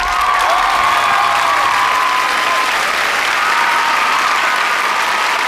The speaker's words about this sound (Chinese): 因为本站的菏泽站哈，哥哥们有一个数字挑战，就是如果我们现场的观众大家掌声非常非常的热烈，说明他们的挑战就成功了。